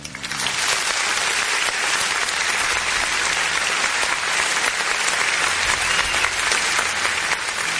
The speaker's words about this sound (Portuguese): Ô, produção, aperta danado esse botão aí. Aperta o danado desse botão aí. Aplausos, parabéns aí pros nossos policiais, produção!